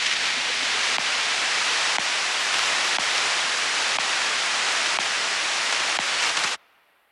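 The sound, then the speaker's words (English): Loud, steady hiss of radio static fills the air, broken by faint clicking blips of data sent between computers about once a second, before cutting off abruptly into near silence. “To everyone and everything other than the computers receiving the instructions, data sounds like nothing. Maybe some static, just blips between computers.”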